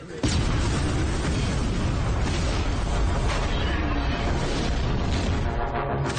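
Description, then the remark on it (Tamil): A huge explosion destroys the Dome of the Rock in Jerusalem and keeps roaring for several seconds, a dense, loud rumble with crackling debris layered through it and no voices. “இப்ப எனக்கு பின்னாடி தெரியற இஸ்லாம்களோட டோம் ஆஃப் தி ராக் தகர்க்கப்பட்டதா நீங்க பாக்குறீங்க”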